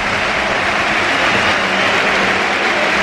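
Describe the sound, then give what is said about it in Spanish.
A big stadium crowd gives a sustained standing ovation for Barça's Rafinha as he leaves the pitch in a match against Feyenoord, a dense, steady roar of cheering and clapping that stays loud and even throughout, with no voices standing out. “Se va Rafinha, esta es la ovación.”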